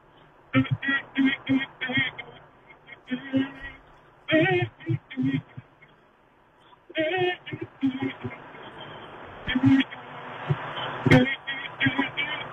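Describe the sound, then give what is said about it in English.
A caller on the road hums a song they want played, through a thin, muffled phone line, the melody coming in short bursts and phrases separated by brief pauses, fairly loud. “I just need to hear the song that you want me to play, but you gotta give it to me in hum format.”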